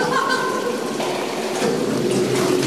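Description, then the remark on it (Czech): A boat glides along the underground Punkva River inside a cave, with steady rushing, splashing water and a faint continuous hum echoing, unchanging for the few seconds heard. “My plujeme dál a stále se máme na co dívat.”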